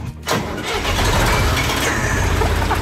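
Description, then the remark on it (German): A 1977 Fendt implement-carrier tractor with a front-mounted tipper cranks and catches after a brief quiet moment as it is started with the key, then settles into a loud, steady, low-pitched diesel rumble that continues to the end. “Ein Fendt-Gerätetraktor mit Kipper vorne dran aus dem Jahr 1977.”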